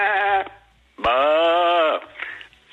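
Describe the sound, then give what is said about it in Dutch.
A person imitates a sheep bleating: a short wavering bleat followed by a longer, louder, cheerful-sounding bleat, clear with no talking over it. “Dat was een vrolijk schaap.”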